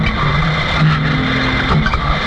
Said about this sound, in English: racing car.